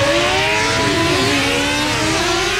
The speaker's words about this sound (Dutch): Het is 7:00. Piet start zijn brommer.